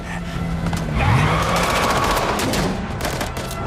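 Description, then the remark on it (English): Rapid bursts of gunfire crack against the metal back of an ambulance amid a roaring engine and skidding tires as it drives on through a site, loud and continuous with no one speaking. “he carries on through the site as the back of the ambulance is peppered with bullets.”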